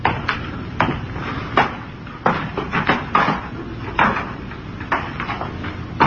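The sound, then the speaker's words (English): Someone climbs a ladder to take a look: a steady series of hollow, clanking footfalls on the rungs, about one per second, moderately loud, with no voices. “There's a ladder. Climb up and take a look.”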